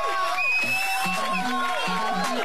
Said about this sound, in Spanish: Así que felicidades a todos esos colegas que lo hacen de una manera increíble. ¡Aplausos!